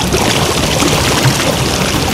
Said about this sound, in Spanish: Así sonaba el caudal del río Las Ceibas hace 50 años.